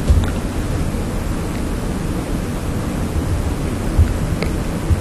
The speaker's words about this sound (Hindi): बारिश आती है तो लगता है जैसे आसमान धरती से मिलने आया हो। सूखी धरती की प्यास बुझती है, पेड़ों की पत्तियां नहा उठती है, फूलों में नई चमक आ जाती है और हवा में एक नई ताजगी भर जाती है।